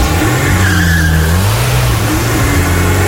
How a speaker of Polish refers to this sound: Konkretny, piękny kolor, magnetic grey, wymarzony model, to jest w ogóle rodzinne auto, auto na lata. No i tak może wyglądać wasza przyszłość. Wsiadacie, zamykacie drzwi, odpalacie.